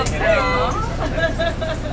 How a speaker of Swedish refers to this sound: Klockan är strax efter 11 och valbusspersonalen samlas en efter en i bussen.